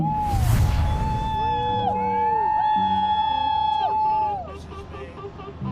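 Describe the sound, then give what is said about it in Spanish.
A crowd cheers loudly, with many voices whooping and shouting over one another in rising and falling calls after a brief noisy burst at the start, the din staying steady throughout, welcoming the aircraft carrier USS Abraham Lincoln back to San Diego after more than 10 months of military deployment. “Y tras más de 10 meses de despliegue militar, el portaaviones USS Abraham Lincoln regresó hoy a San Diego, donde fueron recibidos entre gritos de alegría y aplausos.”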